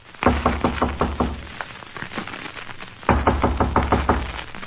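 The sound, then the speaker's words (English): Two bursts of firm knocking on a hotel room door on the 14th floor, each a quick series of about six raps, separated by a short pause; loud, with no one speaking. “Ah, go on, knock.”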